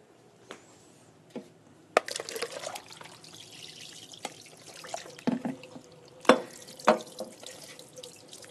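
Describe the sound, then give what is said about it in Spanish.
Water splashes and trickles as two chopped, peeled apples are drained from lemon water, with a few sharp clatters and knocks scattered through, fairly quiet, no voices. “Las voy a escurrir para añadirlas.”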